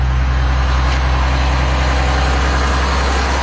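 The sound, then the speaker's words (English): A convoy of heavy transport trucks rolls out of Marineland, carrying the final six belugas to the U.S.; the engines rumble loudly and steadily, a deep low drone with a constant mechanical hum as the trucks move out together. No one speaks. “Marineland whistleblower Phil Damaris watched as the convoy of transport trucks rolled out.”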